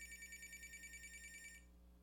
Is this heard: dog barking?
no